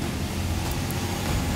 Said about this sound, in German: Lkw vorbei.